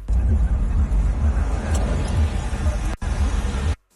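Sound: car driving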